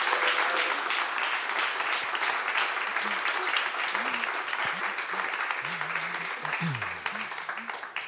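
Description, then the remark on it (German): Sustained audience applause for three tasters fills the whole span, a dense, steady wash of many hands clapping, with a few faint voices and cheers surfacing underneath toward the end. “Und jetzt bitte ich um einen herzlichen und großen Applaus für unsere 3 Verkoster.”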